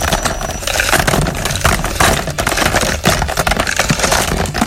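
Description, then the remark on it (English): A shuffle drum holding this week's songs spins with a dense, continuous clatter of small objects tumbling and rattling against each other, fairly loud, holding steady for several seconds with no voices. “First of all, let's take out all of the songs for this week and empty them into the shuffle drum. They're in there, and now let us shuffle them.”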